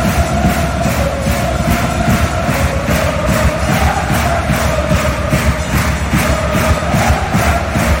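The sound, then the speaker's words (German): A loud, dense roar of a crowd of up to 10,000 spectators at an Ice Hockey World Championship match in a stadium in Zürich, steady throughout with a pulsing rhythm like chanting or clapping, and no clear individual voices. “Bis zu 10'000 Zuschauerinnen und Zuschauer sitzen bei dem Match an der Eishockey-WM im Stadion in Zürich.”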